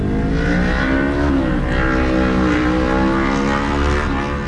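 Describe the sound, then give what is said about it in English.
Steady engine rumble of cars rolling into the parking lot of a Buc-ee's in Colorado, the motor pitch dipping and rising slightly as vehicles move slowly past. Loud and continuous, with no talking. “And the cars just keep rolling in.”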